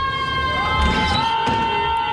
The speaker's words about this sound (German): Prüfungsstress, Frust und Zukunftsängste an der Uni kennen bestimmt einige. In Schweden haben Studierende einen besonderen Umgang damit gefunden. Sie schreien aus dem Fenster.